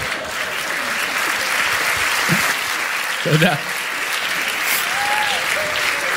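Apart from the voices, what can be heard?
audience clapping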